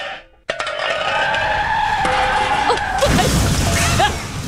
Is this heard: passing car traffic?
yes